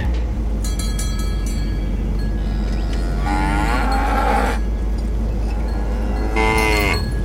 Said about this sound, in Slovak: Brzdi, kravy!